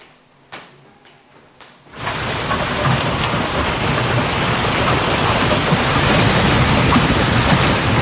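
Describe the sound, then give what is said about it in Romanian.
A few sharp, scattered knocks give way after two seconds to a loud, dense, steady roar of heavy golf-ball-sized hail pelting down during an early-summer storm in the Denver metropolitan area, United States, with no voices. “Furtună devastatoare cu grindină de dimensiunea unei mingi de golf la începutul verii în Statele Unite.”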